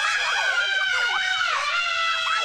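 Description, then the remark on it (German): Several people scream together at high pitch while riding a roller coaster, their overlapping wails rising and falling continuously and loudly for a few seconds. “Jeder sagt doch vor der Achterbahn den immer selben Satz. Ah, diesmal schreie ich aber nicht. 3 Sekunden später.”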